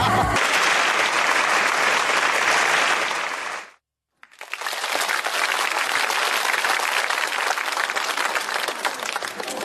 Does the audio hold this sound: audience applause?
yes